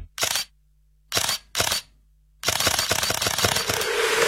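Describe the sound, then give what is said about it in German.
Three crisp camera shutter clicks, spaced apart, followed by a rapid burst of continuous shutter firing, loud with no voices. “Das neue Xiaomi 17T Pro mit Leica-Kamera für Fotos und Videos wie vom Profi.”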